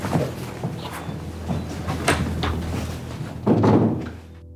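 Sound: door being closed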